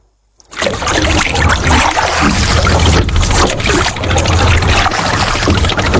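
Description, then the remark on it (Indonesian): Water splashes and trickles steadily around a small boat, with dull knocks and sloshing as a 70-year-old woman paddles among small boats on Kendari Bay, Kendari, in the morning, fairly loud throughout. “Pagi hari di Teluk Kendari, di antara perahu-perahu kecil yang bergerak di permukaan air, seorang perempuan berusia 70 tahun mulai mendayung.”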